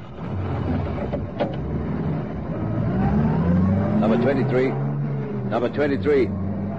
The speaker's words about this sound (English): The two police officers sprint to their patrol car. The sergeant guns the engine into life, and the warrant officer takes the microphone off the radio.